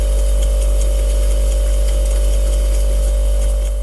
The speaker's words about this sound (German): Und jetzt kommt eine Innenaufnahme. Also ein Bekannter hat sein Handy einfach in den Kühlschrank reingelegt.